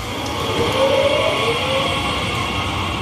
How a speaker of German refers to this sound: Zugdurchsagen, bremsende Waggons und das Rollen von Koffern.